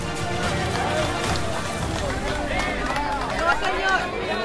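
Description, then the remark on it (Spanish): A crowd of community members applauds as a woman is pulled from rubble during a rescue in Cali, a steady continuous roar of clapping mixed with many excited voices calling out, fairly loud, sustained throughout without a break. “Los aplausos que escuchamos son los de Diane, los de la comunidad, viendo cómo Diana ya es sacada de los escombros”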